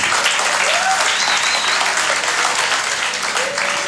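A crowd claps steadily and loudly for about four seconds, a dense, continuous patter of many hands, with a few faint cheers or whoops rising above it.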